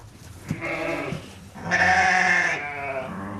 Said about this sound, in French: C'est des brebis qui sont destinées à la boucherie, donc on fait de la viande d'agneau. On a choisi une petite race locale, c'est la race Montagne Noire, qui a failli disparaître,